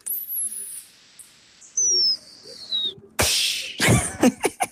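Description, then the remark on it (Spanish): A teacher imitates a small bird with thin, high whistled chirps that slide downward, two long drawn-out calls, followed by a few sharp, breathy bursts and clicks. “Bueno, yo les digo a los chicos que soy profesora, les digo que puedo hacer como un pajarito, a veces lo hago.”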